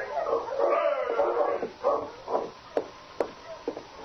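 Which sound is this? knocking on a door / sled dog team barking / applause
sled dog team barking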